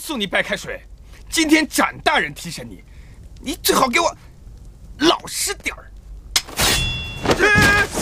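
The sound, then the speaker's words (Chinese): Voices talk for several seconds, then a heavy prison cell door in the outer jail is opened near the end: a loud rattling, grinding clank with a metallic creak that drowns out the speech. “这是开门呐！”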